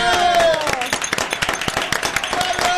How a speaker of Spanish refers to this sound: ¡Un aplauso!